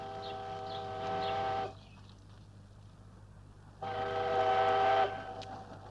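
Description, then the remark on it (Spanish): A train, the old 97, rumbles steadily as it arrives, its whistle sounding two long, loud, chord-like blasts separated by a quieter stretch of rolling rail noise. “yo esperaba que llegasen cercanías y lo que viene es la vieja 97.”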